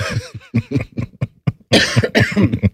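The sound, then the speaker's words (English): A person coughs repeatedly and loudly, a rapid run of harsh bursts that grows heavier toward the end, with no talking. “Should have used the cough button.”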